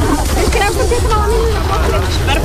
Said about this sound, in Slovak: Prirážame k brehu ramena Malé Foky a vyťahujeme rafty, aby ich neodniesol prúd. Pod nohami nám škrípe štrk, zabárame sa doň až po členky.